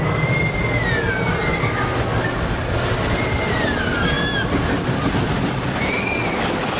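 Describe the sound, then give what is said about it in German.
A roller coaster train rattles steadily along its tracks, going up, down, in circles, through a loop and a corkscrew, with a dense, loud rumble, while high metallic wheel squeals rise and fall in curving sweeps over it. No one speaks. “Hoch, runter, im Kreis, Looping, rechts, Korkenzieher, links. Wow, in einer Achterbahn wird man echt durchgeschüttelt.”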